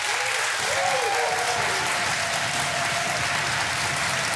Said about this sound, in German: So, und jetzt habt mal einen großen Applaus für unsere beiden Studiokandidaten.